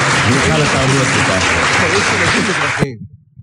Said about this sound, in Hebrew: הבעיה עם הקטע הזה שאף פעם לא ידעו איך לגמור אותה. פה אנחנו נכניס מחיאות כפיים של קהל במקום אחר.